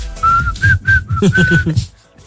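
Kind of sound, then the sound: human body sound, man whistling a tune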